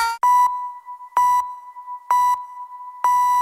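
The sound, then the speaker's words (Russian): A telephone beeps four times at an even pace, sharp electronic pulses sounding clear over a steady continuous tone, with no voices. “Телефон.”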